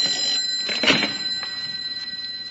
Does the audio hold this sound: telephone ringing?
yes